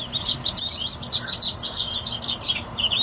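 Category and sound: bird, birds chirping and singing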